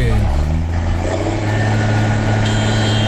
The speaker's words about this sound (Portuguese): Ah, tá buzinando, os caras gostam, velho. Aí, ó, buzinaço, tá bom. Mas pode dar buzinada também, não tem problema não.